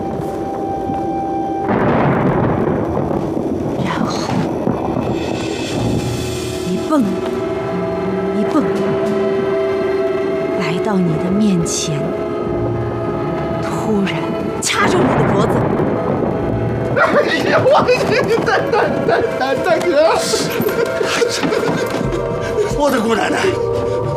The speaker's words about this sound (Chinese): 这么大雷声，就没把你给吓回家？